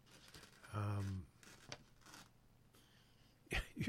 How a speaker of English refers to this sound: trying to rip paper without making a noise. Thought I'd experiment.